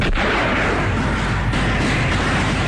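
Dense battlefield din of gunfire and landmine explosions from the film Landmine Warfare (Dilei Zhan), sparrow-style guerrilla fighting combined with landmine warfare against the enemy: sharp reports and deep booming blasts layered over a continuous loud rumble, no voices heard.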